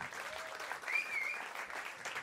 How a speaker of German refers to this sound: Applaus für die Mona. Sehr schön.